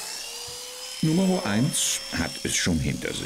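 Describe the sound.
Electric clippers buzz steadily throughout as a sheep is sheared, a thin high whine that never lets up, while a man starts talking partway through over the continuous hum.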